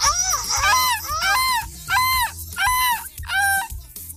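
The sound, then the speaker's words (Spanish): A person imitates a seagull cry with a series of about six loud, wailing squawks, each rising and falling in pitch, repeated in quick succession. “Un grito de gaviota.”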